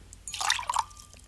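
A short splash of water poured into a glass, a quick gurgling trickle lasting about half a second, quiet, with no voices over it.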